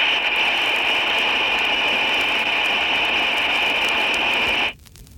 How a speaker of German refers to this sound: Geräusch Nummer 4, Number 4, lässt das grelle Pfeifgeräusch der undichten Stopfbuchse einer Armatur hörbar werden. Zuerst in Stellung Breitband. Und dann in Filterstellung 1000 Hertz.